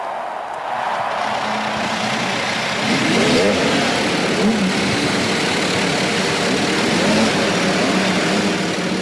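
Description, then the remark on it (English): Several IndyCar race car engines fire up and rev together at the start of the 97th Indianapolis 500, in a loud, continuous roar, with rising and falling pitch as throttles blip over a dense mechanical drone. “And gentlemen, start your engines.”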